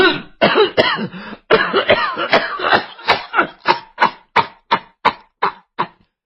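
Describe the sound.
A storyteller imitates an old woman's long fit of coughing: rough, raspy coughs at first, then a steady run of sharp, evenly spaced hacks that gradually weaken, loud with no other sound.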